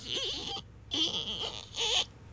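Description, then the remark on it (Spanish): A voice imitates a creaking fridge door with three drawn-out, squeaky, whining bursts that waver up and down in pitch, separated by short pauses. “Así se oía el refri.”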